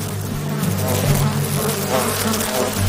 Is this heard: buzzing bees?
yes